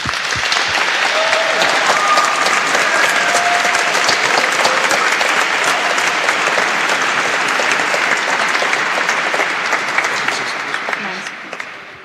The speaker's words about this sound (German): Großer Applaus.